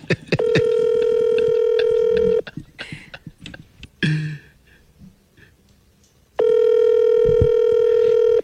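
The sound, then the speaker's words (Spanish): An outgoing WhatsApp call rings out and is rejected: two long, steady, buzzy ringback tones separated by a few seconds of clicks and soft rustling, with no one speaking. “Otra vez me está rechazando la llamada. Aquí estoy llamando. Por WhatsApp.”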